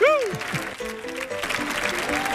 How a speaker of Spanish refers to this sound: Fuerte el aplauso, por favor, para nuestro catedrático